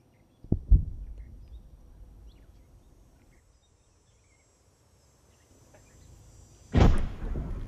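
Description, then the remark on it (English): Two heavy, booming explosions amid machine-gun fire, heard from a trench, one near the start and a louder one near the end, over a low rumbling background with a faint, steady insect-like chirr throughout. “The rattle of machine guns, explosions.”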